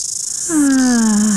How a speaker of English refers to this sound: The sound of summer. Really is. Love the mighty cicada.